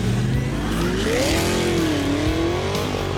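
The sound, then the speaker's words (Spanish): A car engine drones steadily, its pitch rising and dipping as the vehicle moves past, with a continuous loud rumble and no voices. “Sí, aquí están pasando...”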